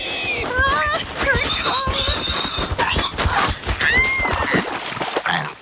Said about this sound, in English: You horrid pig!